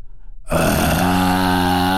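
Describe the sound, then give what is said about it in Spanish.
A voice imitates a young lion's growl: after half a second of near silence, a loud, sustained, rough low rasp with steady harmonics holds for over a second. “Como que todavía no le sale el rugido cañón, pero ya se oye súper profundo y como muy maldito.”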